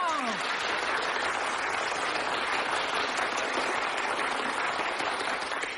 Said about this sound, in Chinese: 停！我们领导说了，这里是长时间鼓掌。